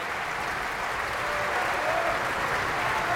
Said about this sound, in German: Michael Volle hier, der seinen Applaus entgegennimmt.